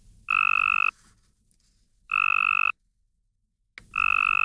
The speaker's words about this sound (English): To the human ear, not much difference, but to a Cope's gray tree frog, the first one sounds strong and healthy, everything a lady frog is looking for in a mate.